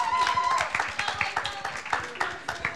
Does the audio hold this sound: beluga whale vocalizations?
no